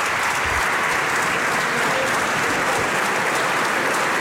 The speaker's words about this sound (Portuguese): Os aplausos são do PSD. Aplaudir as respostas de Luís Montenegro a André Ventura.